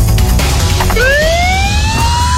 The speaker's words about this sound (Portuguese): Estamos ouvindo o som do trem. O som do trem na área central de Ponta Grossa.